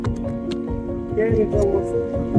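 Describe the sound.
Ice-cold water is added to churned butter to bring the butter up to the surface, splashing and squishing in short wet bursts and drips, over a steady low hum, with a voice talking through it.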